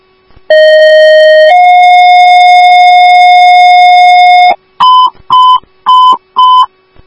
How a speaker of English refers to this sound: Woodbury Station 1 Ambulance, these are your tones for the VLS sick person at 7555 Bailey Road, apartment 2026 in St. Therese, time of page is 1143.